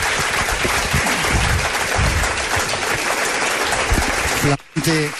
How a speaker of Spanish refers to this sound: Un aplauso os pido para él también.